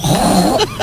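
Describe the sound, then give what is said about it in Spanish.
A woman on Basque regional television, ETV, imitates a pig with a rough, low grunting snort lasting under a second, ending in two brief, higher-pitched squeaky bursts. No other sounds accompany it. “Un cerdo.”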